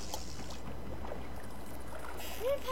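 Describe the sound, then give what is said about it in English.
A small boat pushes off from a dock through water, with a steady wash of gentle splashing and lapping, continuous and moderately loud, plus a brief chirp near the end. “stepping onto the boat, pushing off from the dock, tying on the perfect bait, and casting a line.”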